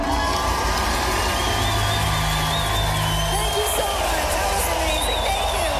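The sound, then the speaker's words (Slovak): A large festival crowd roars with continuous applause and cheering for a female performer, punctuated by shrill whistles and shouts, loud and steady throughout without a break. “Ale keď sme pri potleskoch, tak máme tu pre vás jeden potlesk.”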